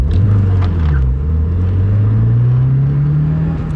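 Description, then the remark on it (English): A silver sedan's engine roars loudly and accelerates as it screams through a multi-story parking lot while being chased, its low droning pitch climbing steadily in one continuous rising whine, with no voices. “A silver sedan screams through a multi-story parking lot.”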